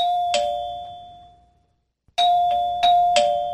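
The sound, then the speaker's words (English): A doorbell rings with a bright, steady two-tone chime that fades into silence, then starts again and sounds several more quick strikes in a row. No one speaks. “Pickleberries, aren't you going to get the door?”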